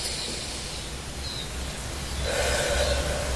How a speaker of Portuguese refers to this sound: Então faz isso comigo agora, respira bem fundo.